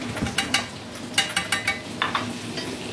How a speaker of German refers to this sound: So, jetzt brutzelt das. Jetzt riecht das auch schon richtig gut.